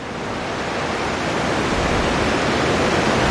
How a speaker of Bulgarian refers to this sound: Това зад мен е преливникът на язовир Александър Стамболийски. Както може да видите и в този час, стотици литри се изливат от тук.